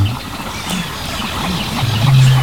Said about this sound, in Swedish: Men vi hör en ny art faktiskt, skäggdopping. Ja, just det. Det är lite sträva. Precis. Skällandet.